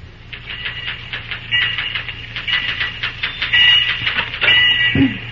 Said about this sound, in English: As our scene opens, we find Cary Graham busy at the typewriter in the superintendent's office.